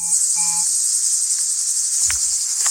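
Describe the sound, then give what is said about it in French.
Cicadas chirp in a steady, dense high-pitched buzz that fills the whole scene without pause, at a beach event in Cazedarne, with a brief low thump and a few faint tonal sounds in the background and no talking. “Je remarque les cigales qui sont bien présentes derrière vous, qui gagnent.”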